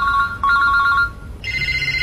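An electronic phone ringtone trills in rapid warbling pulses, then abruptly switches to a different, higher steady tone, loud with no one speaking.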